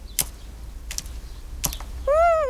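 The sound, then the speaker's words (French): Three sharp, irregularly spaced taps of a small blue tit with a yellow belly pecking at seeds, followed by a brief rising-and-falling tonal chirp. “Le petit oiseau picore quelques graines.”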